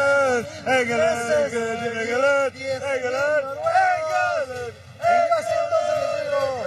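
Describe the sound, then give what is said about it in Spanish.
A crowd of people shouts continuously, many voices overlapping in loud, rising and falling cries with a couple of brief dips before the roar surges back. “Bueno, pues es la historia del día, lleno de muchas situaciones, de mucha gente que viene, que grita, se espera.”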